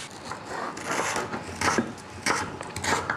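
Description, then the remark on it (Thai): Knife strokes chop ingredients into small pieces on a wooden board, coming in uneven bursts with a scraping, rasping edge at moderate volume. No one speaks. “แล้วเราก็อย่างอื่นค่ะเราจะต้องหั่นเป็นชิ้นเล็กๆแบบนี้ ใช่ค่ะ มีอะไรต้องหั่นอีกไหมคะ หั่นหมดทุกอย่างเลย หั่นหมดทุกอย่างเลย”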